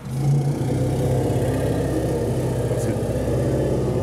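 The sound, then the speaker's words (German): A tracked vehicle's engine runs steadily in the elephants' enclosure, with a deep, harmonic rumble and a throbbing low-pitched pulse, loud throughout with a faint hiss above it. “Naja, wenn einem ein Kettenfahrzeug ins Wohnzimmer fährt, bleibt doch keiner ruhig.”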